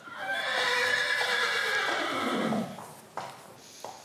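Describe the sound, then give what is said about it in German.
A horse neighs loudly on the island of Föhr, a long quavering whinny that falls in pitch over about three seconds, followed by a couple of soft thuds like hooves shifting. “Und er hatte es ja schon angedeutet, Föhr ist auch eine Pferdeinsel.”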